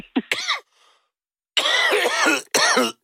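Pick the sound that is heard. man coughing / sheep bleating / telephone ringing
man coughing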